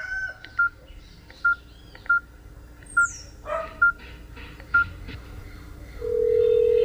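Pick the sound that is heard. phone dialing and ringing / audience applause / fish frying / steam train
phone dialing and ringing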